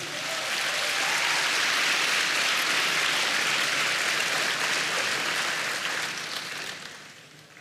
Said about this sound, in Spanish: Dele palmas al Señor.